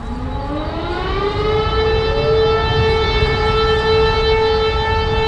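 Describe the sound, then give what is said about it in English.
Civil defense sirens wail steadily in Warsaw, Poland, at exactly 5 p.m. on August 1st to commemorate the 1944 Warsaw Uprising. Their tone rises at the start and then holds a long, loud sustained pitch over a low rumble of outdoor background noise. “Every year on August 1st, people in Warsaw and much of Poland stop to the sound of sirens at exactly 5 p.m.”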